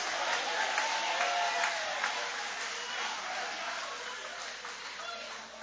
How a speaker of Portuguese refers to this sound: Levanta a mão e aplaude, levanta a mão e glorifica.